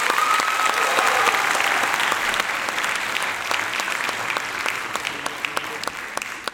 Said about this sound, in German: Statt zu jammern und zu klagen, könnten wir den selbstermächtigenden Effekt des Klatschens auf uns einwirken lassen und einfach mal wieder entspannen. Hier, versuchen Sie es mal.